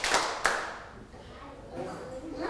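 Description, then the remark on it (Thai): Children in a class clap their hands on a teacher's instruction before practising a song, making two sharp, crisp claps about a third of a second apart, followed by a soft murmur of voices. “พร้อมหรือยังคะถ้าพร้อมแล้วปรบมือ1ครั้งปรบมือ3ครั้งไม่ได้ยินเลยปรบมือ3ครั้งปรบมือ1ครั้ง”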